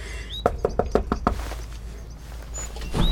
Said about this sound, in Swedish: Nu knackar jag på.